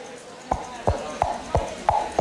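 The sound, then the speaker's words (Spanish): Six hollow, knocking clops in a steady trotting rhythm, made by two coconut halves struck together to imitate galloping horse hooves. Each knock is clear, with a faint background hum. “Y, por ejemplo, uno de los recursos más famosos de radioteatros y teatros de todo tipo era hacer el sonido de caballos con dos cocos chocando.”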